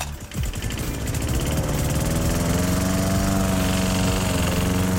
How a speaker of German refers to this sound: Und weil SWR4-Hörerin Hildegard Balz aus Mutterschied diesen Rasenmäher bei uns im Programm gehört, gab es gleich einen Anruf von ihr.